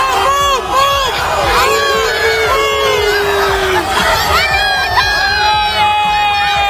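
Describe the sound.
A dense crowd of football fans cheers and shouts loudly and continuously as they welcome Cristiano Ronaldo, with many high excited voices whooping and rising over a constant roar of babble.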